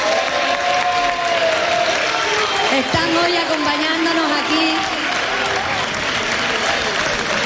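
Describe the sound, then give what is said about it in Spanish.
A crowd applauds steadily and loudly throughout for the families of the team, a dense wash of clapping, while a man speaks over it into an amplified microphone. “Les quiero dar un aplauso muy fuerte a la familia.”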